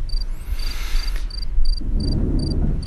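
Crickets chirp in a steady, evenly spaced rhythm of short high-pitched bursts, with a broader rasping buzz swelling early on and a low rumble of outdoor ambience underneath.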